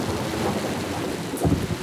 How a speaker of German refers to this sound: Regen! Donner! Blitz!